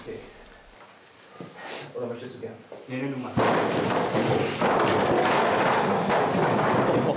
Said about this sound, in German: Und jetzt auf zu Runde 2 im Ziegenboxen.